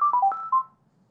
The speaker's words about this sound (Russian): Будильник. Включен. Будильник зазвонит через менее минуты. Будильник сработал.